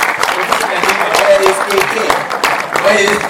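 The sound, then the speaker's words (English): An audience claps steadily throughout, a dense crackle of many hands with no pauses, while faint voices murmur underneath, applauding former directors of IDS who stand to be recognized. “Kindly let us clap for them.”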